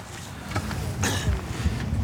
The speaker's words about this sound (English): Okay, so we're just taking the boat slowly down the bay. A couple of reasons, it just lets the engine warm up, so we're not going from zero to a couple of thousand revs very quickly. But also, it lets everybody get familiar with the boat as well.